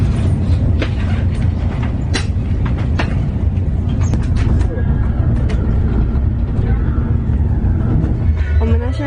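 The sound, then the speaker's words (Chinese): A steady, heavy low rumble fills the inside of a moving, nearly empty train carriage, with scattered clicks and rattles from the wheels and cabin and faint muffled voices underneath. “今天的火车特别空，全部都是空的，而且特别大位置，很难得。”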